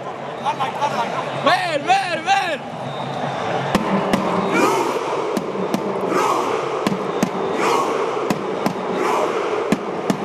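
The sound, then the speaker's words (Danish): Norwegian fans in a stadium at a World Championship chant in rhythmic unison, shouting together on a steady beat while one of the Norway team, seated on the grass with the others in a Viking rowing celebration, hammers a booming drum at regular intervals, loud and echoing across the open space. “Hele holdet sidder på græsset, så er der en, der får lov til at hamre på trommen, og de norske tilskuere går også fuldstændig mok.”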